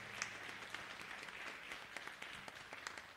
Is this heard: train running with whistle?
no